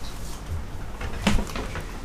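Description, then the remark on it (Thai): A door is opened to let in the dog Yayee, with one brief clack of the latch or handle partway through and soft shuffling handling noises around it; no one speaks. “ขออนุญาตคุณผู้ฟังเปิดประตูให้คุณนายาหยีแป๊บหนึ่งนะเมื่อกี้เรียกก็ไม่ยอมเข้ามานะแล้วก็มาเห่าเสียงดัง”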